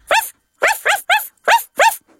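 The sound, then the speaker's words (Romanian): A voice imitates a puppy's bark in answer to a question in an animal-sounds game, yapping five times in quick, uneven bursts, fairly loud, with nothing else around it. “Cum face cățuzelul?”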